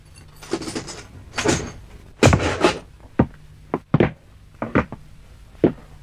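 A cell door is unlocked and swung open with clattering, scraping noises, then a chair is carried inside the cell and set down with several sharp wooden knocks. Fairly loud, with no talking.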